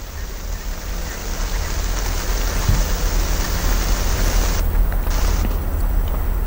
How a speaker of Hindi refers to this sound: मौसम विभाग के मुताबिक इस पूरे इलाके में 100 मिलीमीटर से ज्यादा की बारिश हुई, जिसकी वजह से जलभराव की स्थिति बनी हुई है।